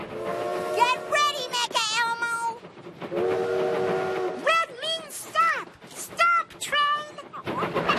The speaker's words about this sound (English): Here come train!